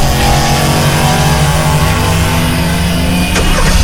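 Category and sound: vehicle, go-kart engine revving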